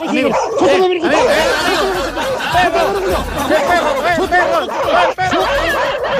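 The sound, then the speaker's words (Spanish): A dog barks repeatedly amid loud, overlapping voices and laughter, the yaps and chatter tangled together and continuous throughout. “¡Perro! ¡El perro! ¡Donde mismo de nuevo!”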